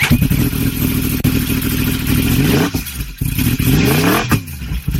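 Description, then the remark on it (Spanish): A loud motorcycle engine revs hard, its pitch climbing and dropping in repeated surges between gear changes, with no one speaking. “La Bañeza, la ciudad de la moto, rugirá como nunca los días 7, 8 y 9 de agosto con la celebración del Gran Premio de Velocidad.”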